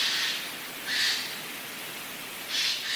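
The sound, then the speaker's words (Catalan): A Eurasian jay (Garrulus glandarius) gives three harsh, rasping screeches at uneven intervals, each a short noisy burst standing out clearly over faint background hiss. “Gaig, Garrulus glandarius. El trobem durant tot l'any a les zones boscoses.”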